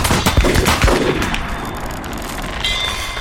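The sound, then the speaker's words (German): Sharp gunshots fired into the clouds crack out in quick succession, followed by a rolling, echoing rumble that slowly fades, with a faint metallic ringing lingering near the end. “Anlegen. In die Wolken. Und Schuss.”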